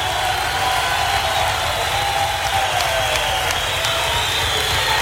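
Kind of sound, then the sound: crowd, audience applauding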